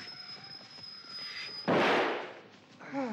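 A single loud gunshot, fired by someone behind the listener, cracks out partway through, its broad burst fading into a short rolling echo, after a steady high-pitched whine and faint background noise.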